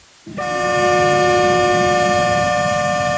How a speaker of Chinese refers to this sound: 在义乌铁路西站，一列满载日用百货、汽车配件、机械设备等货物的浙江中欧班列一新欧缓缓驶出，经满洲里口岸出境，驶向俄罗斯。